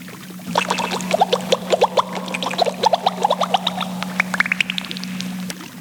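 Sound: water splash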